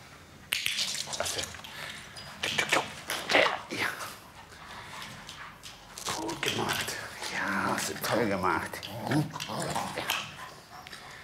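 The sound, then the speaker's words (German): A service detection dog searching for explosives pants and sniffs in quick, breathy bursts, with scuffling movement as it searches. Its handler speaks short German search commands over it. “Such Stoff. Such. Such ihn hier.”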